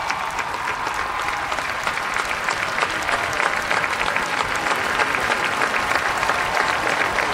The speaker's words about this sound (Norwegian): Jeg tenker det en ganske varm applaus som folk gir dronning Sonja når hun kom ut. Det kanskje hun som fikk den varmeste velkomsten av de alle.